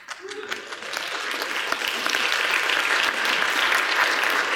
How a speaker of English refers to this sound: Now, I appreciate the golf clap, but you're going to have to do better than that.